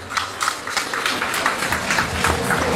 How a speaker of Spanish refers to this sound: para quien pido fuertes y calurosos aplausos.